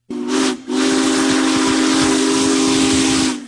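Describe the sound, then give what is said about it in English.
A loud steam locomotive whistle, from Union Pacific Big Boy 4014, one of the largest steam locomotives ever built, rolling through Nebraska, gives a short blast, breaks off briefly, then sounds again in a long sustained tone, with a strong hiss of escaping steam underneath. “One of the largest steam locomotives ever built rolls through Nebraska, drawing crowds of rail fans, farmers, and families trackside to see Union Pacific Big Boy 4014.”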